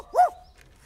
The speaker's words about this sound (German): Oh, das ist ein Hund